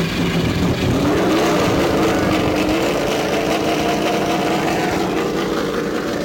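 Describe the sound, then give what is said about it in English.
Race car engines at the Indianapolis Motor Speedway rumble and rev together as the cars restart under a yellow caution and pull away, a loud, steady mechanical roar with rising harmonic whine and no voices. “As the race car pulls out, remember that these laps under yellow will count.”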